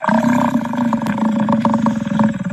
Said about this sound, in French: C'est un bison. Ok, pourtant j'en ai vu des bisons, mais c'est ça le bruit du bison ? C'est le mugissement du bison qui est choisi pas tout à fait par hasard.